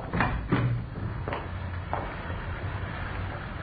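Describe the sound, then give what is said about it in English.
A side door opens and shuts with a few knocking clunks and a latch click spread over a few seconds, over a low steady background rumble. “You can go out the side door, then.”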